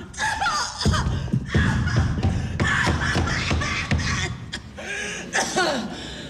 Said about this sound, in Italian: Che brutta tosse! Lo dice a me, una croce? Vuole una caramellina di liquirizia? No. No, no, guardi, una bronchitaccia ostinata. Altro che l'iperizia, non vuole andarmi via.